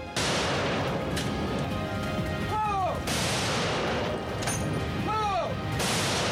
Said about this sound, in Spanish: A las 6 de la mañana, los tradicionales cañonazos, la izada de la bandera nacional en el Cerro Juan Alaínez, marcaron el inicio de esta gran fiesta cívica.